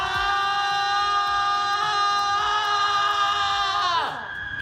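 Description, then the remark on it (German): Students at a student residence hall in Stockholm scream out their fears and exam stress at 10 p.m. on a Tuesday evening, a loud, high-pitched scream held steady for about four seconds before its pitch drops away, with a faint murmur of background noise beneath it. “Jeden Dienstagabend ertönen zum Beispiel um 22 Uhr diese Schreie in einem Studierendenwohnheim in Stockholm.”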